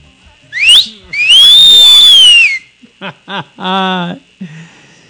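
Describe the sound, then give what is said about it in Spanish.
A loud human wolf whistle: a quick rising note, then a long sustained tone that swoops up and falls away, followed by a few short voiced sounds. “Claro que sí, un chiflido para todas las chicas guapas de Guanajuato.”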